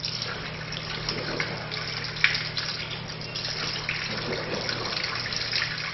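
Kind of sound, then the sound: household object, running water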